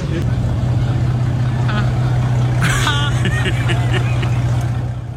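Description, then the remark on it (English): The engine of a $23 million supercar in Monte Carlo runs loud, holding a steady, throaty drone throughout, with people talking briefly over it near the middle. “That car sounds like the hood up.”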